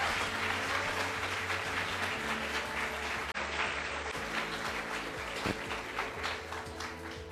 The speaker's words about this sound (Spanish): Fuerte el aplauso.